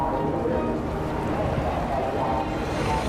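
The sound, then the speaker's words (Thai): The Luang Pho To boat approaching on the water, its steady, loud engine rumble and churning noise continuous throughout, with indistinct crowd voices mixed into the din as people are urged to press their palms together and make wishes. “เรือหลวงพระโตมาแล้วจ้ะพนมมืออธิษฐานนะจ๊ะ”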